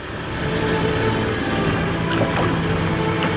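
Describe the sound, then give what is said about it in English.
A steady engine rumble drones on with a constant wash of water noise and faint splashes as a motorboat cruises across Manila Bay in the Philippines. No one speaks. “boarded a boat, and took her grief out onto Manila Bay.”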